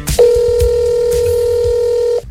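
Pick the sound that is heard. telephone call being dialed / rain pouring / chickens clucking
telephone call being dialed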